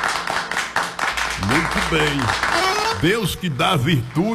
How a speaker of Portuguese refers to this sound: Os aplausos.